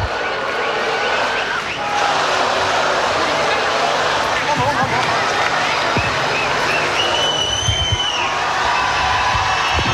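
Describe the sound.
A concert crowd cheers and applauds a national band in a loud, continuous roar for the full ten seconds, with dense clapping, shouting voices and a few high whistles rising above the noise.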